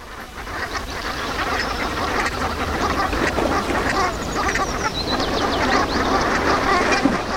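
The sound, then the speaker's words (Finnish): A large flock of brent geese calls steadily, their throaty, rolling calls overlapping into a dense, continuous chorus, with no voices present. “viikon luontoääni, Sepel Hanhi”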